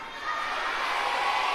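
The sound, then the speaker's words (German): A group of children shout together in one loud, sustained burst, their many high voices blending into a dense wall of noise that holds steady for over a second. “Schreit ihr denn so?”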